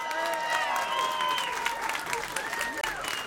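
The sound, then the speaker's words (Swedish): Steady, sustained applause from an audience celebrating the winner of the P4 Nästa Stjärna competition, a dense wash of clapping with scattered whistles and cheers rising above it, while voices carry on underneath; the winner receives flowers and photos are taken. “Och håll i applåderna också för de andra tävlande,”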